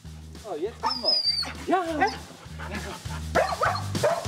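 Skat, an excited female husky, barks, yips and whimpers in quick, overlapping bursts as her leash and harness are brought out for a walk, her high whines sliding up and down in pitch over a steady low rhythmic thumping.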